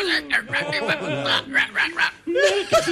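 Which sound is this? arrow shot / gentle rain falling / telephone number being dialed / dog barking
dog barking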